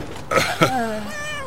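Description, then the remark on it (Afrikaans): A stray cat hidden under a blanket in a bus, with a litter of kittens, meows: two quick sharp cries followed by a longer, drawn-out meow that slides down in pitch, with no talking. “'N kat.”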